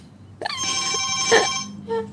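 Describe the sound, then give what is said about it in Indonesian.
A telephone rings with a steady, bright electronic trill that sustains for over a second, then a brief second burst follows, loud. “Seperti bunyi telepon ini ya, tarik ya.”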